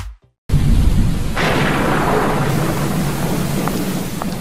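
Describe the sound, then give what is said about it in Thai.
Heavy rain pours down steadily after a brief silence, with a deep rumble of thunder rolling underneath and a hiss that swells louder partway through; no one speaks. “ทีวีเป็นอะไรอ่ะแม ่ฝนตกทีไรดูไม่ได้ทุกทีเลย”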